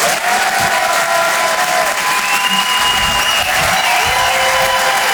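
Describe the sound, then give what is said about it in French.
A crowd claps loudly and steadily for several seconds, with whoops and cheers rising above the dense wash of applause; no one speaks over it. The audience is welcoming a stand-up comedian at a live show broadcast on Rire et Chanson. “Je vous demande de l'encourager. Faites un maximum de bruit, s'il vous plaît”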